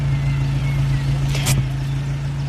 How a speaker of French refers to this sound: Patrick ralentit. Il garde sa voiture devant la maison et reste un instant assis au volant.